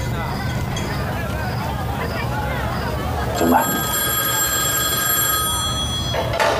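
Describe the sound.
People talk at first, then a telephone bell starts ringing and keeps trilling steadily for about three seconds over a low background murmur before stopping.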